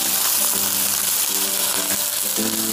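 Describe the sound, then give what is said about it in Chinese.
Hot water is poured into a pan of yellow catfish already fried golden on both sides, setting off a loud, steady hiss and sizzle that holds for the whole stretch without any talking. “现在这个黄骨鱼已经煎到两面金黄，我现在要往锅里加入热水。”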